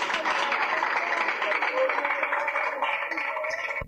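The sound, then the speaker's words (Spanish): A church crowd applauds in praise of the Lord after a prayer for healing, a dense wash of clapping mixed with shouting voices that holds at an even, fairly loud level before easing off at the end. “¡Otro aplauso al Señor, hermano!”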